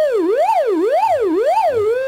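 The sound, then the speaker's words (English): A loud, buzzy synthesizer oscillator tone alone, its pitch sliding steadily up and down in a regular siren-like wobble about four times over two seconds. “An oscillator produces a steady pitched sound.”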